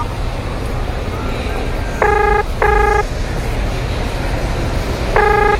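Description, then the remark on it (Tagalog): Phone ringing tones sound over a steady hum of street traffic outside a department store as someone calls a person they are waiting for: two short electronic tone bursts close together, a pause, then a third, moderately loud and clear above the background. “Eh, tawagan ko nga.”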